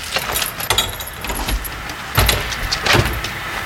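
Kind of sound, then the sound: household object, keys jangling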